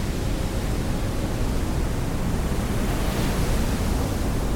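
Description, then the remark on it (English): A steady, dense roar of ocean surf washing against the shore, continuous and fairly loud, with no distinct individual crashes and no voices. “I looked into the horizon forever, watching the waves crash over the sunset and onto the shore.”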